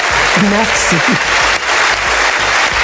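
Sustained, loud applause from a large audience fills the whole stretch as a dense, continuous clatter of clapping, with a brief vocal cheer rising above it near the start: a long ovation for Barbara Streisand on receiving the honorary Palme d'Or.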